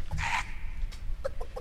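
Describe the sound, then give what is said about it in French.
A voice in a Memphis rhythm and blues song imitates a clucking hen: one loud, raspy squawk followed by a quick run of short, clipped clucks over a low, steady background rumble. “Qui c'est qui fait la poule?”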